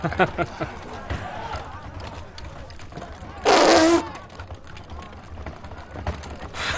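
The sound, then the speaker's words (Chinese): A single loud, raspy fart blasts out for about half a second midway through, standing out sharply over a low, busy background of muffled voices and shuffling noise. “这是你放的屁。”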